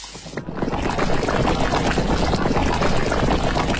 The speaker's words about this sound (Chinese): 等到水开，立刻下鱼，慢煮。